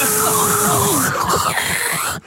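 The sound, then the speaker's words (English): A voice mimics a whining dental drill, a loud sustained high-pitched buzz with a thin tone sliding and wavering underneath, cutting off abruptly after about two seconds. “Just the noise of that whirring of that drill.”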